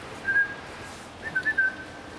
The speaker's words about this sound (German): So eine ganz schlechte Angewohnheit von mir, dass ich den nie mit Namen anspreche. Ich pfeife immer so, bei jedem Jungtier gleich.